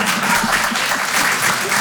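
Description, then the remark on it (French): An audience claps steadily for the performer after she says she has lived alone for eight years, a dense wash of many hands at moderate loudness, continuous without pauses and with no voices standing out. “Je sais pas si c'est des applaudissements de pitié, mais je les prends quand même.”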